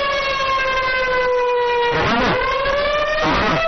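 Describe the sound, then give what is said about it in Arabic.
A civil defense warning siren in Khamis Mushait, Saudi Arabia, warning of danger, sounds alone, a loud, sustained harmonic wail that slowly drifts lower in pitch, with two brief wavering, swooping passages toward the end. “عاجل عاجل عاجل، إعلام تابع للعدو السعودي، إعلام العدو السعودي، الآن وليس غدا، يطلق إنذار في خميس مشيط للتحذير من خطر.”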